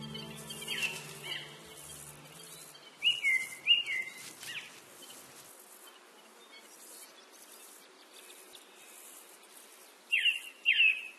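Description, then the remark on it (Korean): Birds call in a Spanish fir forest in a few short bursts of bright, chirping notes, one near the start, a cluster in the middle and another at the end, over a steady high insect-like buzz and faint hiss. “새들은 이 전나무 숲에서 서로의 영역을 공유하고 복잡한 이곳 생태계의 일원이 되어 함께 생활하죠.”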